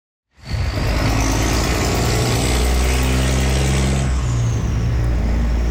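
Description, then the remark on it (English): Heavy trucks rumble past on Huron Church Road in Windsor, travelling to and from the 97-year-old Ambassador Bridge, with a steady, loud engine drone, low harmonic growls shifting as vehicles pass, and a hiss of tires and brakes throughout. “That's what it sounds like now on the Huron Church corridor. Trucks on their way to and from the 97-year-old Ambassador Bridge.”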